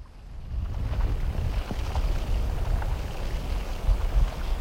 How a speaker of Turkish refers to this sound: Göl sanki nefes alıp veriyor. Buz katmanları inip kalkan göğsü gibi kıpırdanıyor. İnanılmaz.